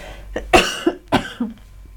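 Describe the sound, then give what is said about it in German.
A short fit of coughing: a few harsh bursts in quick succession, with no talking around them. “Aber ich muss gleich husten.”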